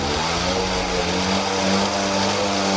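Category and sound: vehicle, moped engines revving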